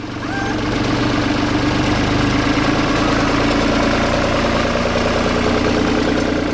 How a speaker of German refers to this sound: Beim Soundcheck fährt ein Trecker vorbei.